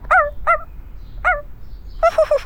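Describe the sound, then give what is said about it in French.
A dog gives three short, high yelps with pauses between them, then a quick burst of four or five rapid yips, clear over a quiet background. “Oh, un chien.”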